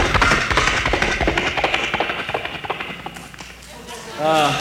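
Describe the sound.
A person imitates galloping horses with the mouth, producing a quick, rhythmic series of clopping clicks, followed by a short voiced sound at the end.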